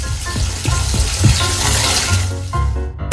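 A water tap left running after a bath runs in a steady rushing hiss with a few faint clinks and low tones underneath, continuing without pause until it cuts off abruptly at the very end.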